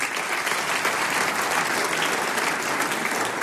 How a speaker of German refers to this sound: Jetzt darf ich den Hausherrn mit Applaus auf die Bühne bitten, den Herrn Bürgermeister von Fronleiten, Magister Johannes Wagner.